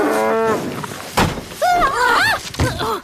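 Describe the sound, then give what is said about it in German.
An angry one-horned cow lets out several loud moos, some drawn out and others wavering in pitch, with a heavy thud between them as it butts its head hard against a wooden fence. There is no speech. “Jetzt hatte die Kuh endgültig genug.”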